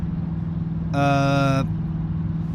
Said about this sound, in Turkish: Anahtarsız bir arabayı sürüyorsun.